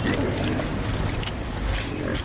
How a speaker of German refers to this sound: Rund 30 Schweine grunzen fröhlich